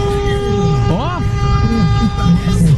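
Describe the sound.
Truck, car and even forklift horns blare together in an honking protest (buzinaço) by truck drivers and others, a steady, sustained chorus of overlapping tones, with one horn swooping up and down near the start, over rumbling engine noise and murmuring voices.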